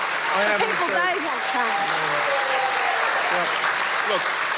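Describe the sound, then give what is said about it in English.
A large crowd cheers and claps loudly and steadily, a dense wash of applause with excited voices and shouts rising through it, continuous. “The crowd went wild.”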